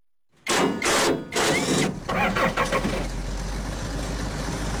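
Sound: combine harvester engine running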